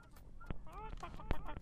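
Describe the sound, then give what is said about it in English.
A cluster of birds honking in short, overlapping calls, goose-like, with a couple of sharp louder honks standing out over a low background rumble. “We got a bunch of birds birding at you.”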